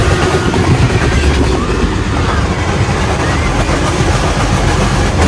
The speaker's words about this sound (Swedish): Det man hör är alltså bussen som drar upp. Alltså man hör hur bussen drar upp hela mitträcket. Det är så mitträcket med vajrar, så den drar med sig hela mitträcket.